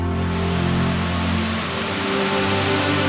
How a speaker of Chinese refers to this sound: 太伯顶西北，苍山陡峭崖壁上，高悬一条飞瀑，瀑布依次跌入石壁上的9个水池中。据《宁海周志》记载，世人以为有九龙居焉，因呼九龙池。水流俯冲150多米，水声隆隆